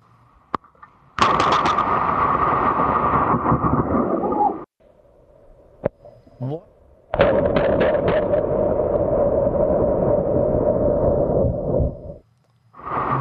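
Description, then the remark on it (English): A sharp, explosive crack of thunder from a lightning strike bursts out and roars for several seconds, then a second loud crack hits and rumbles on at length before fading, with no talking. “unless, of course, a bolt of lightning manages to find you along the way.”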